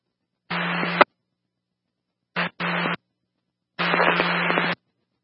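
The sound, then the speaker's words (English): Several short bursts of harsh radio static, each cutting on and off abruptly with silence between, like a transmit key being keyed open without anyone speaking. “you're just clicking in static.”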